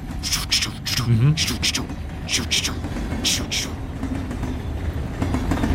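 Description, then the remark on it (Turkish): A train rumbles along the tracks with a steady low roar and repeated sharp metallic clacks, continuous, with voices faintly mixed in. “Sen, ben, tren. Sen de gördün değil mi? Duydun da.”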